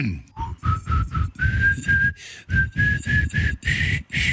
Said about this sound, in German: pfeift mir einen Schlager und ich muss ihn erkennen.